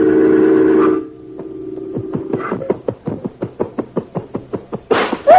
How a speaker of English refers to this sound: The picture on the wall. He's knocked it down.